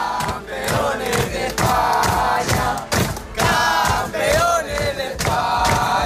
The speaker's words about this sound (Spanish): Son los gritos de los jugadores del Mopisala Toledano al proclamarse ayer campeón de España cadete al ganar en la final al Barça 5-4 en partido jugado en la ciudad de fútbol de Las Rozas.